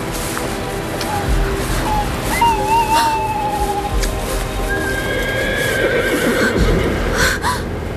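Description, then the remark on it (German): A horse whinnies a few times from somewhere off in the distance, its wavering cries rising over a steady wash of outdoor background noise. “War da nicht das Wiehern eines Pferdes in der Ferne?”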